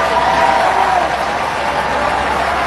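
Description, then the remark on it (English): A large crowd of Texas Democrats cheers and applauds for Tallarico, a loud, dense wash of clapping and shouting voices that holds at an even level for nearly three seconds. “Listen to the cheers.”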